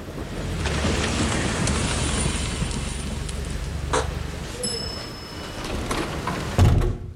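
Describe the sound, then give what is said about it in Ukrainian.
Steady rain hisses, then a door shuts with a solid low thump near the end, and the downpour is suddenly cut off to near silence, in an advertisement for the Brooklyn residential complex in Irpin. “Дощ лишається за дверима.”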